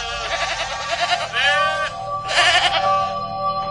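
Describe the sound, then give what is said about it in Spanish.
Sheep bleat loudly, several wavering calls overlapping and following one another in quick succession, like a small flock crying out together, as nine brothers herd their father's sheep in northern Israel. “Lejos de su casa, en el norte de Israel, 9 hermanos apacentaban las ovejas de su papá.”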